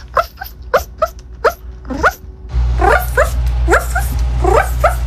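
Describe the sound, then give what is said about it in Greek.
A person who identifies as a dog imitates a small dog with a quick series of high, sharp yips and short barks, about a dozen in uneven bursts, fairly loud over a background hum that grows louder midway. “Λοιπόν, αυτό εδώ πέρα που ακούτε θα μπορούσε να ήταν σκυλάκι. Δεν είναι όμως σκυλάκι. Είναι άνθρωπος.”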